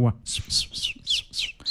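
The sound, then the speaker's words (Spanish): A voice imitates small birds chirping, giving five quick, high, whistly tweets in a steady rhythm, fairly loud, with no other talking. “Otra de los pajaritos.”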